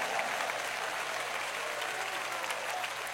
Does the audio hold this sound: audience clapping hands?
yes